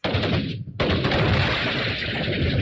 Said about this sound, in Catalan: L'esclat de la pólvora ens ha servit per anunciar la festa, per donar importància a determinats moments de la festa.